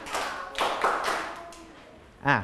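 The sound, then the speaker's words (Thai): A group of schoolchildren claps in unison about five times at their teacher's request, in a steady, slightly uneven rhythm, the claps sounding a bit smeared, followed by a brief voice at the end. “ทั้งหมดปรบมือ5ครั้งขออีก1รอบเด็กๆทุกคนปรบมือ5ครั้ง”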